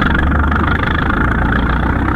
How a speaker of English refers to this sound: Start your engine, and I'll make the line ready.